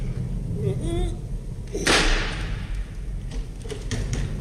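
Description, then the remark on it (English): A heavy door with a large brass lion's-head knocker creaks open slowly on a wet night, its hinges groaning in wavering tones, followed by a sharp, loud swish or thud as it swings fully, with a faint rumble lingering after. “Door's opening.”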